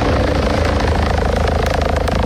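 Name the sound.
rescue helicopter flying overhead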